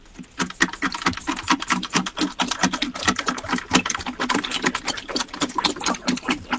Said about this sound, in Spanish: Claro, yo ahora solo escucho al perro bebiendo agua. Claro, yo ahora ya solo escucho al perro bebiendo agua.